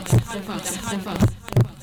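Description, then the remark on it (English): Deep, muffled heartbeat thumps in a Lego FM radio ident, three of them, the last two close together like a lub-dub, standing out over a soft, busy background wash of sound. “This is Lego FM, the heartbeat of the bus.”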